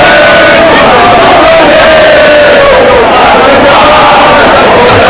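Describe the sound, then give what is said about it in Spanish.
A large crowd of mostly young people, many with Francoist flags, sings the fascist anthem "Cara al Sol" in loud unison at the Puerta del Sol after the October 12 parade, taunting housing protesters camped there. Many voices hold long, sustained notes over a dense, rough wash of shouting throughout. “Lo hicieron cantando el Cara del Sol.”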